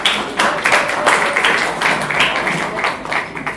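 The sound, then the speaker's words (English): An audience at a celebration claps steadily for a few seconds after listening to a program, a dense crackle of many hands at fairly even loudness throughout, with no voices standing out. “Please, can we clap for it, please?”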